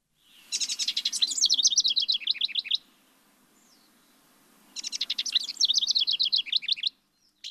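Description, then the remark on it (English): A songbird of a species saved by conservationists, now numbering about 350, delivers two bright, rapid phrases of trilled and descending whistled notes, separated by a short pause, over a faint low background hum, with no talking. “The Bird of the Year distinction is well deserved all around by the bird and by the people who helped save it.”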